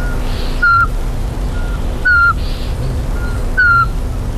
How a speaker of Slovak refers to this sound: Snažím sa privábiť našu najmenšiu sovu, kuvička vrabčieho